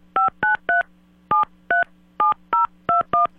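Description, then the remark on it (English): A telephone number, starting with the area code, being dialed on a touch-tone keypad as a radio host in SLO places a call live on air: nine short, steady dual-pitched beeps in quick groups of three, separated by brief pauses, with a low hum underneath. “Nope, got to do the area code first.”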